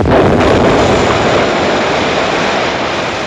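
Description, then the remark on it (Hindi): A huge explosion roars in loud right at the start, then rumbles on as a dense, sustained blast that fades only slightly over a few seconds, with no voices, as a giant landmass on Earth blows apart billions of years ago. “किसी कारणवश बड़ा भयंकर धमाका हुआ।”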